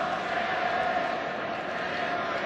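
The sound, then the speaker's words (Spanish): A stadium crowd at a football match chants a song in a steady, dense roar of massed voices, a sustained sung pitch rising out of the din now and then, with no break for the whole stretch. “¿Por qué están gritando esa canción?”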